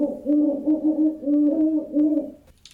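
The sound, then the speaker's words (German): An owl hoots at night in a quick run of several low, mellow calls lasting about two seconds, clear, with no voices, then quiet. “Eulen wachten im Gezweig und schwangen sich durch die Nacht.”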